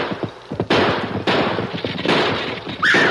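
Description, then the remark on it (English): Gunfire in a shootout in a town: a few sharp cracks at first, then four loud, booming shots at irregular intervals, each trailing a long, noisy rumble, with a brief whining tone near the end. “He's got a gun. So have I.”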